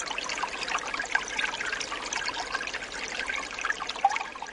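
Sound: spring water trickling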